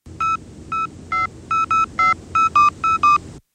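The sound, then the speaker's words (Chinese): A quick series of about eleven beeping keypad tones from a phone being dialed to call a company boss after coal trucks were stopped by the environmental bureau, clear, in uneven bursts over a low background rumble, with no one speaking. “打，给老板打电话去。”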